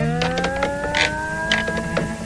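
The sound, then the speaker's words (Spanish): Wooden joints, like those in furniture or house structures, give a long, steady squeal with a slowly rising pitch, while dry creaks and crackling pops break in at irregular moments, caused by friction as the wood pieces contract and cool. No one speaks. “Bien, de noche, cuando los pedazos de madera se contraen y enfrían, hay fricción entre ellas, provocando chirridos y crujidos.”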